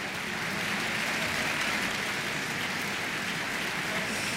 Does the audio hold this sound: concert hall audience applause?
yes